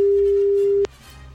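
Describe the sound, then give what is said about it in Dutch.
A steady, clear telephone ringing tone plays as a radio presenter calls a listener, one unbroken beep that cuts off abruptly with a click, leaving faint background noise. “Even bellen.”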